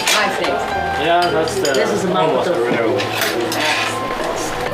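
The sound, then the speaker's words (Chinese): Busy home kitchen sounds as a man cooks Sichuan dishes for guests: dishes, pots and cutlery clink and clatter steadily, with indistinct voices murmuring underneath throughout. “每次来客人，他都会亲自到厨房做几样拿手的川菜，这既是他待客的礼节，更是他自己保持了多年的生活习惯。”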